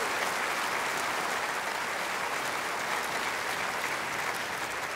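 A concert audience claps steadily for an orchestra whose musicians come from 17 nationalities, a dense wash of many hands that stays loud and even throughout with no pauses and no voices on top.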